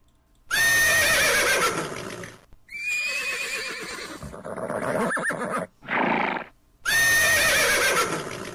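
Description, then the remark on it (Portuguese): A herd of horses neighs: several loud whinnies ring out in succession, shrill rising calls with harmonic tremolo, separated by brief pauses, with one short snort-like burst near the end. “No relincho da potrada, vai começar mais um programa dedicado à cultura gaúcha.”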